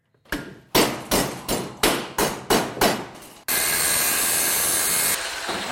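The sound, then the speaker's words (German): Seven sharp, ringing hammer blows on scrap metal strike in a steady rhythm, loud, then give way to a continuous harsh hiss like a welding tool, as a metal sculptor makes large scrap sculptures in his small workshop in Hassenhausen, Burgenlandkreis, Germany. “Hämmern, Schweißen, Löten. Ronald Knoll macht aus Schrott Kunst.”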